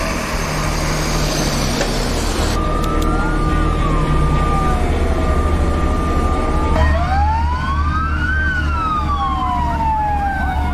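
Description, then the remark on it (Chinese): Emergency sirens blare loudly during a joint firefighting drill held by a Naval Aviation University airfield station and the local emergency rescue bureau, several wailing tones rising and falling and overlapping, with a steady high alarm tone and a rumbling engine underneath throughout. “警报骤响，浓烟翻滚。”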